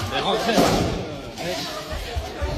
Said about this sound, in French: Ouais, il y a cette vidéo qui tourne sur les réseaux sociaux où on voit le chef d'établissement du lycée Blaise Pascal à Rouen visé par un tir de mortier à l'entrée du bâtiment.